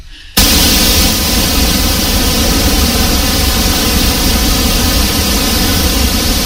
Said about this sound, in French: Donc le bruit rose, on l'utilise beaucoup pour faire les réglages acoustiques d'une salle. Ça peut éventuellement vous déstresser aussi.